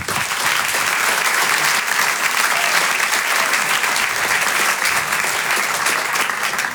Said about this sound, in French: Je vous demande un tonnerre d'applaudissements maintenant pour l'artiste qui va nous rejoindre, un stand-upper. Vous pouvez l'applaudir très, très chaleureusement.